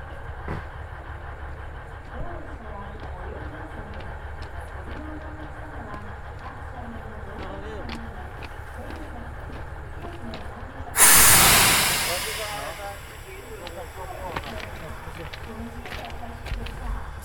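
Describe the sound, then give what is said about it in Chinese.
Train brakes are pulled and release a sudden, loud blast of air hiss partway through, fading over a couple of seconds, against a steady rumbling rail background with faint voices. “总体到第五车，我要拉刹车。”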